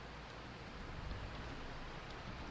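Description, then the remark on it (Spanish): Heavy rain pours down over Salto on a grey day in a steady, dense hiss that holds evenly from start to finish, fairly soft overall with no voices and no breaks. “Cae agua sobre Salto, cae mucha agua sobre Salto. Y vamos, suena el truenos, relámpagos, un día gris en Salto, llueve y llueve.”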